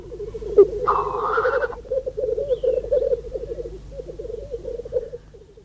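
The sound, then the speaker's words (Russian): A single black grouse gives a continuous bubbling, cooing song that rolls on steadily, broken early by a short harsh hissing sneeze. The call is fairly loud, with no talking. “А это голос одиночной птицы.”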